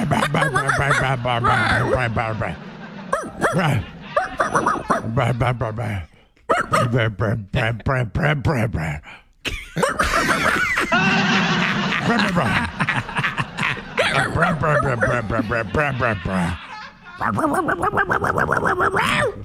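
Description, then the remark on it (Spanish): Two people imitate dog barking with their voices in a mock barking fight, loud, trading rapid, growly yelps and woofs almost nonstop for about twenty seconds, with only a couple of brief pauses. “nos vamos a pelear a ladridos.”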